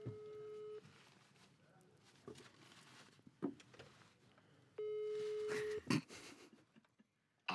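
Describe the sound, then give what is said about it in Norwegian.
Two long, steady electronic ringback tones sound over a phone speaker during a live call on Radio Nova, each about a second long with a pause between, mixed with faint handling noise and breathing. “Nå må ta på høytalerne, kanskje. Ja, ok, skal vi se. Eller skal jeg ringe”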